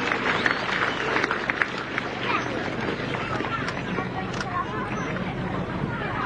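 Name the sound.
round of applause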